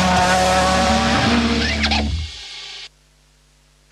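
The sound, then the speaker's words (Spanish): A rally car in the World Rally Championship (WRC) in Chile roars loudly, with a brief screech of skidding tires partway through, then the noise drops away and cuts off into silence. “vive el Mundial de Rally WRC junto al medio oficial Radio Biobío. Velocidad, adrenalina y los mejores pilotos del mundo recorriendo nuestras rutas”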